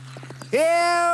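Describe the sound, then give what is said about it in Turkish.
Quick, rhythmic horse hooves clip-clop in a steady trot, then a loud, sustained tonal call bursts in and holds over them while the faint hoofbeats continue underneath. “Daha hızlı beygir, daha hızlı!”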